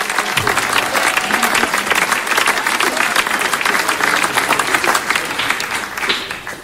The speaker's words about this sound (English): The way you're clapping, I wish. Let me see the overflow. Overflow, you clap your hands, because in here these guys are not clapping their hands. Look at how they are still clapping,